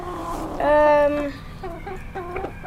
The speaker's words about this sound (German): Der Hahn kam jetzt nicht aus dem Wald. Nee, ein Hahn kommt nicht aus dem Wald. Wo sind wir denn jetzt? Wir sind bei den Hühnern.